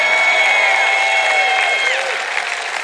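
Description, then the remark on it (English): A crowd applauds and cheers loudly with a dense, steady roar of clapping, while a shrill whistle rings out over it for about two seconds. “you're going to clap and cheer over any message, if you're ever anywhere again and somebody says we're going to talk about self-control tonight, you shout and clap and cheer like it's going to be the best message you've ever heard in your whole life.”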